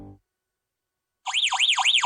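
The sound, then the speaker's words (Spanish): After a brief silence, a loud Verisur home security alarm blares as it detects an intruder, its electronic siren warbling rapidly up and down in quick repeating sweeps, piercing. “Así suena tu alarma Verisur cuando detecta un intruso.”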